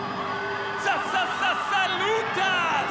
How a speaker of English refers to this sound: He's driving the car from the underneath that bonnet over there, straight on the engine, revving that car, getting the crowd going. The crowd is losing their minds right now, ladies and gentlemen.